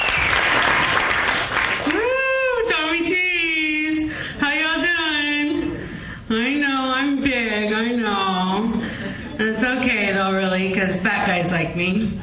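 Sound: audience applause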